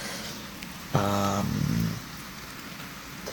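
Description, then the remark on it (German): Steady, soft rain hiss fills the background, interrupted about a second in by a loud, buzzy harmonic drone that lasts roughly a second before the rain continues alone. A rain ambience recording played on Radio Helsinki. “Und ihr hört heute Atmos vom Regengeräuschen.”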